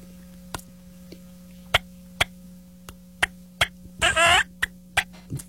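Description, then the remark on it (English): Soft turkey yelps from a pot call: scattered short, sharp clucking ticks, then a brief raspy run of yelps near the end, all quiet over a steady low hum, with no talking. “Once I can see the bird, or if I can hear him spitting and drumming, can tell they're close, I get really soft and just kind of throw some.”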